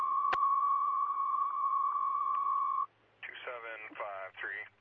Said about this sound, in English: Cancellation tones for the vehicle.